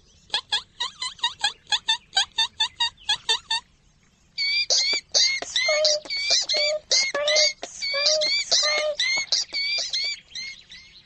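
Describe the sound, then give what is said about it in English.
Rapid, high-pitched mouse squeaks, first a quick evenly spaced series, then after a short pause a denser, chattering run of squeals. Fairly loud, with no talking. “squeak like a mouse on the run.”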